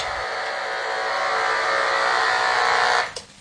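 A steady, dense electric buzz of rapid electrical pulses from a knife fish in a tank, so fast they blur into one continuous tone, holds loud and even for about three seconds before cutting off abruptly.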